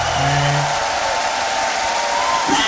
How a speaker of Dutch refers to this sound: Ja, en dat juichen, dat doen ze niet voor mij hoor.